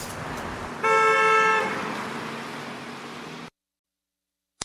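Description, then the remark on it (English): A single loud car horn blares for nearly a second in a traffic jam over a steady wash of traffic noise, which continues briefly and then cuts off abruptly, followed by a faint click. “Traffic, potholes, wardens, buses. There just ain't no fun in driving no more.”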